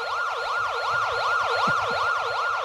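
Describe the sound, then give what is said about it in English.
An ambulance siren wails loudly and steadily, its pitch rising and falling in quick regular sweeps, with a low rumble of traffic beneath it and no one speaking. “This part of the program brought to you by the Underneath Management Cafe, where you'll come for the food and stay for the ambulance.”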